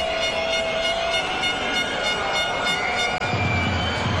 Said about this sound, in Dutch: En de overtreding gezien door Van Damme. Het gefluit op de banken in het Soeverein Stadion.